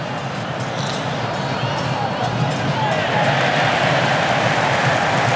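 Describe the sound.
A stadium crowd at an Argentina football match applauds Mac Allister's timely intervention clearing the ball, in a dense, continuous wash of clapping and crowd noise that holds steady and swells slightly louder partway through, with a murmur of many voices mixed in.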